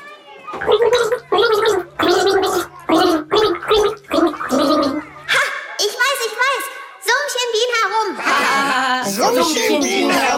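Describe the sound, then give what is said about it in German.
Someone takes a sip of water and gargles the German children's song "Alle meine Entchen", producing a run of bubbly, wobbling pitched bursts in rhythmic phrases, loud and continuous, with gurgling growing denser toward the end. “nimm einen Schluck, du bist dran. Alle meine Entchen, das war leicht.”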